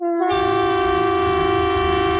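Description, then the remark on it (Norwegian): A civil defence air raid siren, sounded as a test on 10 June at 12 o'clock, blares one steady, loud, rich tone that holds unbroken from just after the start to the end, with no voices present. “Og tyfonene.”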